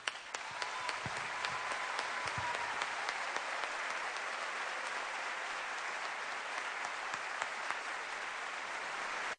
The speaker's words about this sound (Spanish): Mi felicidad es compartir este escenario con estos grandes artistas. Y yo les brindo mi aplauso personal.